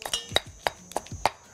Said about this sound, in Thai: ระหว่างที่มะตำตัวพริกแกงนะคะเดี๋ยวเราจะเริ่มผสม